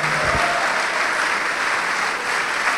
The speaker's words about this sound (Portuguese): Olha só, vamos aplaudir mais, vamos aplaudir mais.